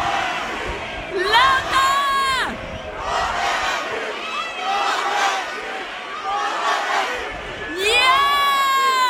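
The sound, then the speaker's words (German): A large festival crowd, split into two sides in a loudness contest, shouts a two-part chant in surging bursts, many voices roaring together with rising and falling intensity, sustained over the whole stretch. “Ihr seid bitte gescheit laut, ich glaube an euch, ja? Krone! Hit!”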